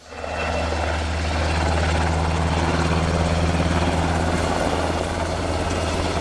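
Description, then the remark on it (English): A Black Hawk helicopter roars steadily overhead, its deep rotor throb and low engine drone holding loud and constant throughout, with a broad wash of high whine on top and no voices. “The Black Hawk, like all combat helicopters, flies low when possible to avoid”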